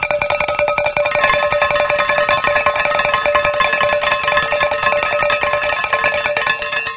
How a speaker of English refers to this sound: How about that? And as I like to say, when the bells are ringing, the angels are singing.